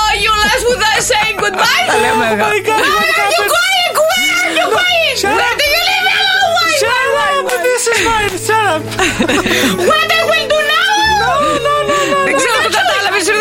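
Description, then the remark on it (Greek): A voice fakes a British hired mourner's wailing in English, loud, with sobbing, sliding pitch that rises and falls continuously for over ten seconds, broken by snickers and chuckles. “Κλαίω σε Βρετανό.”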